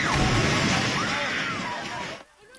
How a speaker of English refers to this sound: That reaction as the Templar sent a building tumbling and crumbling. It's not clear if anyone's trapped, and so far there are no other reports of injuries.